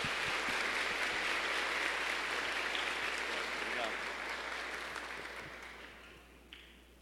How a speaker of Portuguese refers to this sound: como nós acolhemos os visitantes, com a salva de palmas.